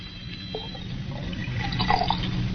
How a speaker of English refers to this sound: Aren't you going to finish your brandy? No, thank you. Oh, then pour it back into the decanter. You heard me. Pour it back into the decanter.